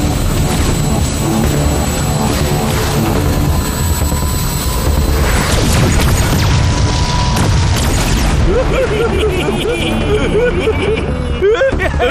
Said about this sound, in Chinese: 那些爆炸是哪来的？